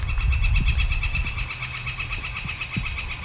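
A northern flicker gives a steady, rapid run of high, ringing call notes that carries through the whole stretch, with a low rumble of background noise underneath.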